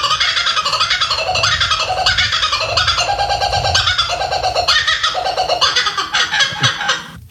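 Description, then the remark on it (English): A kookaburra, an Australian bird, gives its laughing call: loud, raucous cackling and chuckling notes that rise and fall in rapid rhythmic bursts, continuous throughout, with no talking. “Is it a kookaburra? A kookaburra.”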